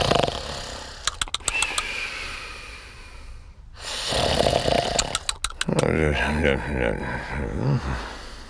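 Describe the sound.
Loud, rasping snores, one long saw-like inhale after another, with a brief quiet gap between them, the last turning into a throaty, voiced snort.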